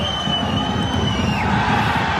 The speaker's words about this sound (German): Die, die hier jubeln. Der FC Aarau. Der grosse Partycrasher, und zwar zu Vaduz.